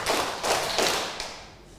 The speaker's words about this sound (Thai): ปรบมือ3ครั้งค่ะ